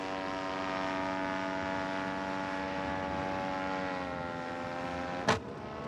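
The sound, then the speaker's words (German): A small propeller plane engine drones steadily, its pitch sagging slightly, then a single sharp crack rings out near the end and the engine falters and cuts out. “Ein Krachen und der Motor ist aus. Ben muss notlanden.”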